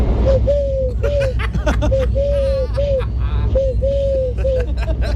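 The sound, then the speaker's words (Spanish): A person imitates a turtle dove's cooing for a Canal Sur TV crew, a string of soft, low, rounded hoots in a repeating rhythm, over a steady background of crowd chatter and laughter. “Es que parece una tórtola auténtica, ¿eh?”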